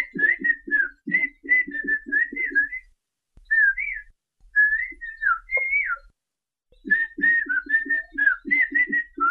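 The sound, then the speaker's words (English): Two men in the mountains of Oaxaca, Mexico converse entirely in whistled Xochiapam Chinantec, trading quick, gliding, pitch-shifting whistled phrases back and forth with short pauses between turns, clear. One talks about cleaning weeds around his coffee plants; the other asks him to bring back oranges. “These are a couple of guys having a conversation. They're talking with whistles.”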